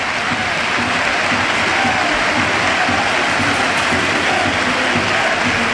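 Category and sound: crowd, stadium crowd ovation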